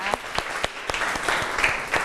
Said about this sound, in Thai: โอเคค่ะขอเสียงปรบมือดังๆให้เพื่อนจากกลุ่มที่3นะ